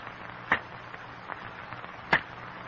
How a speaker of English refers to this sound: In the strained silence, the men listen to the sharp crack of cane knives on stalks of cane, the crackling of falling cane leaves.